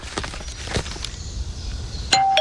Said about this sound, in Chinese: 爸爸，有人按门铃。 儿子，你去开门，可能是快递。